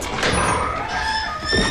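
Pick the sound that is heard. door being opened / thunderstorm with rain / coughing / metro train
door being opened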